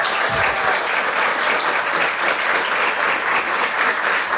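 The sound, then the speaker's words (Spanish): A crowd applauds a team of women being congratulated for their products, dense rapid clapping filling the whole stretch at a constant, fairly loud level, with no pauses or voices standing out. “Mira, les aplauden sin envidia, ¿eh?”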